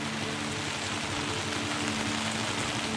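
rain falling

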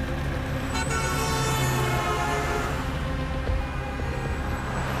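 road traffic

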